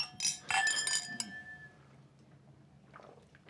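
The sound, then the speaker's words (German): Drinking glasses clink together in a toast to a new hairstyle, a few bright ringing taps in quick succession that leave a short shimmering tone fading out, with quiet background noise afterward. “Also, na dann Prost. Prost, ja. Auf die neue Frisur.”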